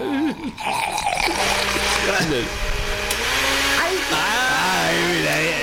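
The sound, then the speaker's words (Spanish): A large industrial blender with wood chips inside runs loudly and continuously, its motor roaring with a dense whir throughout, while people talk over the noise. “Sí, la licuadora grande, industrial.”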